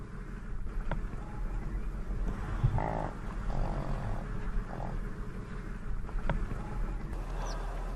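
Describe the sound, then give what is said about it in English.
Livestock yaks in the high mountains low and grunt in short, scattered calls over a steady low rumble, with no voices present. “Yaks are the most common livestock in the high mountains, as they are resilient in cold and retain their wild instincts.”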